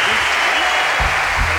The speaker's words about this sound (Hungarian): Na jöjjön a taps!